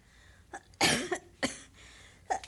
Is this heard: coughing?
yes